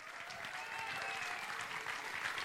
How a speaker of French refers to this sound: Oui, oui, mesdames et messieurs, vous pouvez l'applaudir, monsieur Ali Moody.